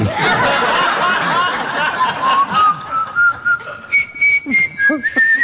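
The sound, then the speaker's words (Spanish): Someone whistles a simple tune, a clear sustained tone that glides upward and then steps between a few held notes, with laughter and murmuring voices underneath at the start. “Sí, si tocara el piano como usted silba, sin duda lo haría.”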